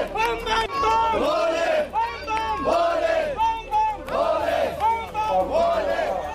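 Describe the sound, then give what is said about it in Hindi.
A crowd of local officials and residents chants "Bam Bam Bhole" in unison to welcome Amarnath pilgrims at Chandrakot Yatri Niwas in Ramban district, the loud, harmonised voices repeating the same phrase in a steady rhythm about once a second throughout. “अमरनाथ यात्रियों की ये खेप जब रामबन जिले के चंद्रकोट यात्री निवास पहुंची, तो स्थानीय प्रशासनिक अमले और स्थानीय लोगों ने मिलकर बम बम भोले के जय घोष के बीच इन श्रद्धालुओं का भव्य स्वागत किया।”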